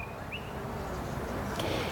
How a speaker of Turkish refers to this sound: Bal kılavuzu kuşunun sesi bu ses sevgili seyirciler. Bu kuş ülkemizin şartlarında yaşayamayacağı için kuşun kendisi yok. Sadece ses efekti var. Hoparlörden kuşun ses efekti var. Duyduğunuz gibi biraz önce.